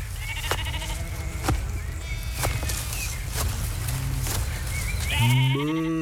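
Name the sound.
sheep bleating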